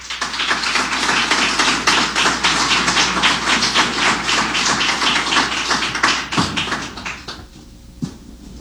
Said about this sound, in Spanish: Les invito, por favor, a que lo recibamos con un fuerte aplauso.